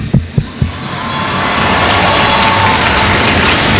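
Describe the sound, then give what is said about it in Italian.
A few low thumps open, then a large crowd breaks into applause as the curtains open before Pope Leo XIV speaks on a Sunday; the clapping swells into a steady, dense wash and holds at full volume to the end. No voices. “Le tende si aprono in questo istante, l'applauso della folla.”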